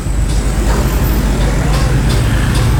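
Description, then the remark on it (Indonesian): Steady, loud road traffic rumble at Karang Ploso (Karang Peloso), where a broken-down truck is holding up traffic, with heavy low-end engine drone like trucks and buses idling and passing, and faint brief hisses breaking through the continuous noise. “Ada kendaraan yang trouble ya. Oh, ini truk trouble.”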